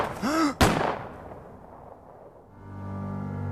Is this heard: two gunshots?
yes